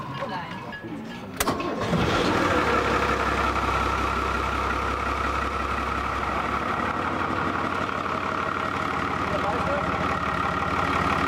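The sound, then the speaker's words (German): After a short click, the engine of the boat Serendipitar cranks and catches, then settles into a loud, steady running rumble with an even, throbbing low drone that continues to the end. “Ja, dass er kommt, Motor läuft.”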